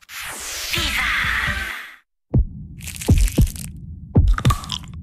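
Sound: heartbeat sound effect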